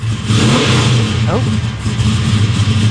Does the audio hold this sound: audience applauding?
no